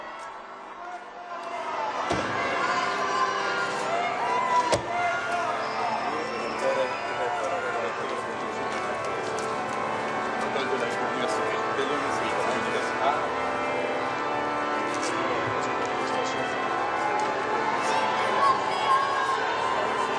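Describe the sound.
A large crowd at the Institute of Paris cheers and calls out in welcome as Pope Leo arrives outside the entrance, a dense, steady roar of many overlapping voices that holds at an even loudness throughout, with one brief sharp click early on.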